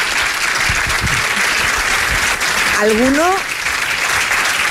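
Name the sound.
applause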